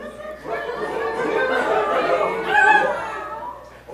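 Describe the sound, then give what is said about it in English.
A crowd of people imitates barking dogs and meowing cats all at once, a dense, overlapping din of voices that swells and keeps going for several seconds, with scattered laughter mixed in. “Everybody, you're barking, meowing, go on.”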